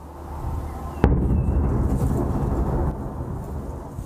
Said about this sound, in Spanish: Videos mostraron fuertes explosiones en el cielo y también a nivel de calle, mientras las defensas ucranianas intentaban responder al ataque.